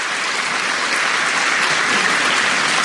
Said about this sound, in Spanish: ¡Ay, catequistas aquí! ¡Oye, qué bien! ¡Aplauso para los catequistas!